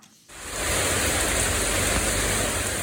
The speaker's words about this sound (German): Gerade noch knallte der Sonnenschein vom Himmel. Dann aber entlädt sich ein Hitzegewitter mit heftigem Regen. Binnen Minuten steht die kleine Straße in Hamburg-Eppendorf unter Wasser.